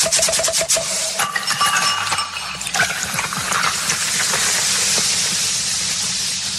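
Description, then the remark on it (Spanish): A loud, sustained fizzing hiss, like a beer bottle being cracked open, with a few sharp clicks at the start and a steady foamy rush filling the rest. No one speaks. “Súbale al volumen y destapen la primera.”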